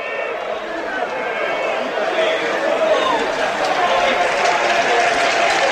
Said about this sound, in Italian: Arriva un grandissimo applauso prima di tutto e poi eccoli i cori dei tifosi a celebrare una vittoria che mette una serissima ipoteca.